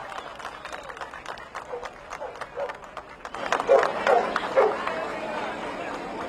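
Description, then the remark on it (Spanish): A crowd applauds outdoors at a rescue site in the Chacao area, where rescuers and police search dogs are recovering victims' bodies: scattered clapping that swells louder about halfway through, mixed with a murmur of voices and a few raised shouts. “Estos aplausos seguramente, además hay la unidad canina que están buscando, labor importantísima de los perros de la policía y de las autoridades militares que deben estar en la zona y que están empezando a rescatar los primeros cuerpos”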